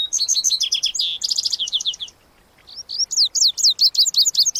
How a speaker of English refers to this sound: And where the lazuli bunting sings, you'll often hear the music of vesper sparrows and western meadowlarks.